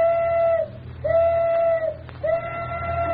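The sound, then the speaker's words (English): The tugboat Elsie's whistle sounds three steady, fairly loud blasts, each held for most of a second with brief gaps between, over a constant low rumble, at 12:05 on a crowded, noisy waterfront, signalling she is ready for her part in Houdini's experiment. “at 12:05 on the crowded and noisy waterfront, the tugboat Elsie whistled that she was ready for her part of the experiment.”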